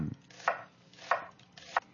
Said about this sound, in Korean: 양파 써는 소리래요. 아, 양파. 어, 양파 맞아. 양파 소리가 이렇긴 하지.